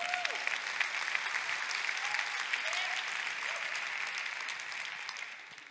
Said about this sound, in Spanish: Dale un aplauso.